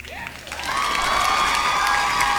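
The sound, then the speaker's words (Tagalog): A crowd breaks into loud applause for Philippine Sports Commission chairperson John Patrick Gregorio and Philippine Olympic Committee president Abraham Tolentino. The applause swells after a brief moment and holds steady, mixed with sustained cheering and shouting voices. “Sila rin po ay deserve, no, ng isang malakas na palakpak, di ba?”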